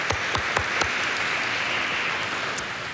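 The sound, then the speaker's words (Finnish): A crowd at a Tuomas Mass church service claps together in a sustained burst of applause, dense and fairly loud, with a few sharper individual claps standing out at the start before it gently tapers. “Oi, ihanaa. Taputukset.”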